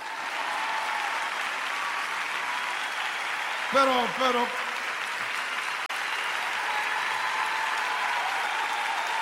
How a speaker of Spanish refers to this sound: Aleluya. ¿Dicen amén? ¿Pueden aplaudir?